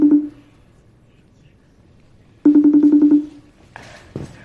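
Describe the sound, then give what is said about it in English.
A phone being dialed to call a woman: a single short electronic tone, a pause, then a quick run of about eight rapid beeps, followed by brief faint sounds at the end. “Okay, so we're going to get her on the phone.”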